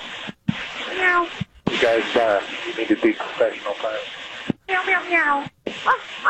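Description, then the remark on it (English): Over a tinny, band-limited radio channel, pilots imitate cat meows and dog barks, several voiced calls in quick succession separated by brief clicks of silence. “no cat jokes, no dog jokes”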